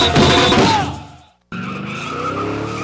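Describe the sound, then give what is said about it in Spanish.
A race car engine revs loudly with a screeching tire squeal, fades out briefly, then another engine roars back in with steady rising harmonics, intense. Cars at eighth-mile drag races (arrancones) at the Autódromo Durango in Durango. “Motores encendidos en Durango.”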